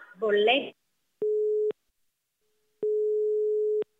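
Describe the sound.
A brief burst of voice, then a steady mid-pitched telephone busy tone sounds twice after the call is hung up, a short beep followed by a longer one, clean and loud with silence between.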